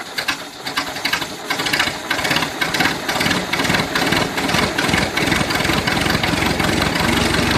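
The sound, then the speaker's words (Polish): The engine of an old, hard-to-start car cranks and catches, then settles into a loud, rough, rattling idle that chugs steadily, with no one talking. “Jeszcze raz odpalamy samochód w takim razie. Samochód, samochód, naprawdę.”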